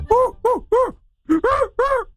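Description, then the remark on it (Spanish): A voice imitates a strong, rough, hairy-chested alpha male orangutan with six loud, throaty grunts, three in quick succession, a short pause, then three more, each rising and falling in pitch. “Ahí está el orangután.”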